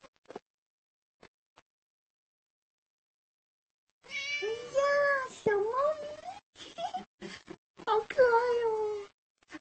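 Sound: cat meowing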